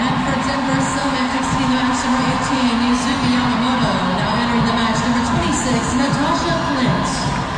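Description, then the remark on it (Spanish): A large football crowd applauds as substitute Priska Chilufya comes on, amid a steady, loud wash of cheering voices and hum that stays constant throughout, with no clear pauses or individual claps standing out. “Ok, Priska, y la gente le aplaude a Priska.”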